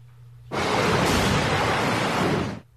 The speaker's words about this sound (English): There's a look at some video from Mobile, Alabama. Powerful, powerful waves.